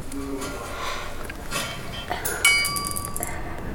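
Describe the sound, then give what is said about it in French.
Pebbles are dropped through two parallel slits into the dark and strike the ground below in a few scattered sharp impacts. The last, loudest hit leaves a bright, ringing clink that fades over about a second. “créant deux fentes parallèles par lesquelles nous pouvions lâcher les cailloux dans le noir et écouter le bruit qu'ils faisaient en touchant terre.”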